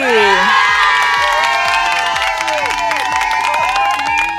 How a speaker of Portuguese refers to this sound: Número 2! Palmas pra Gabi!